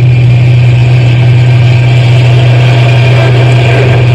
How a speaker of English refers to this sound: I'm going as fast as the truck will go. It'll go faster anyway.